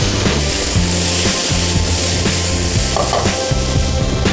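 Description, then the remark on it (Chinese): Watermelon slices sizzle loudly and steadily in a frying pan, a continuous hiss of frying with occasional soft stirring sounds. No one speaks. “而且很有趣的是，西瓜煎完之后它有一点地瓜味，因为西瓜的甜会有点像焦糖啊。”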